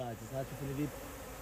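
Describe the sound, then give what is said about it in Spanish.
Bees in a mangrove forest buzz in a wavering, droning hum that rises and dips in pitch for under a second, then fades away, leaving only quiet background. “Pero cualquiera que venga aquí e intente explotar estos manglares de forma ilegal, por ejemplo, talándolos, acabaría siendo picado y ahuyentado por las abejas.”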